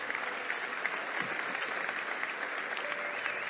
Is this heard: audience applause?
yes